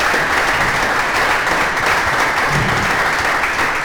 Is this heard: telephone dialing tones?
no